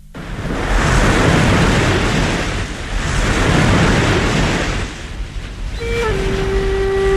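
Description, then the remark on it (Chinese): Ocean waves surge in two broad, loud swells of rushing water as a ship, past Hong Kong, sails straight south on the open sea, then a steady, sustained horn-like tone sounds over the sea noise near the end. No one speaks. “船过了香港，径直向南驶去。中国大陆茫茫的大海中，分不清何处是此岸，何处是彼岸。”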